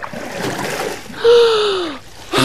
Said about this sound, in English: The next thing I knew, I was gasping for air near the boat.